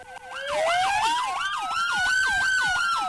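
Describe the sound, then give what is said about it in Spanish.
A loud siren wails continuously, combining a rapid rising-and-falling yelp with a slower sweeping tone, with no talking over it. “Súbanle a todo volumen el radio, ahí va. Y no voy a decir nada para que le suban y se vayan moviendo las personas.”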